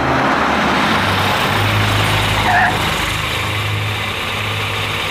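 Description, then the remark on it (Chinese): A car engine runs steadily with a low, continuous rumble and drone, fairly loud, with no voices over it. “汽车就在外面，请。”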